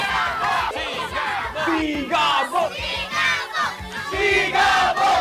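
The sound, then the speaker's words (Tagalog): A large crowd in San Fernando City, Pampanga, shouts and roars together as Coco Martin is welcomed, many voices rising and falling in waves with a few higher-pitched cries over the steady din. “At ang sigaw ng bayan!”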